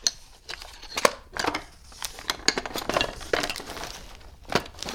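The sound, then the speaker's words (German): Metal utensils clatter and clink repeatedly in irregular bursts, bright jangling clusters as items are shuffled about in a drawer, with no voices. “Okay, versuchen wir die nächste Schublade.”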